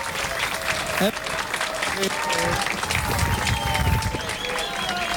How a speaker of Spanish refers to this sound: Muy bien, el aplauso de la gente.